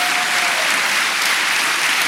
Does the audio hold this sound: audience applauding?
yes